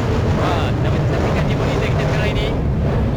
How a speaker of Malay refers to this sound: Deruman ejen. Deruman. Sukhoi. Ya, ya terus melintasi dan membuat persembahan akrobatik waktu ini sebenarnya.